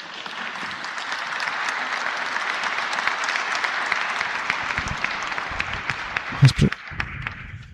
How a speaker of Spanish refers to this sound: Gracias por ese lindo aplauso. Che, me van a hacer acostumbrar.